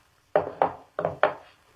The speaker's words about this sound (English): Then he got up, took out his gun, laid it on the table.